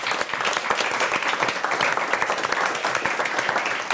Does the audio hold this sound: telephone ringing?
no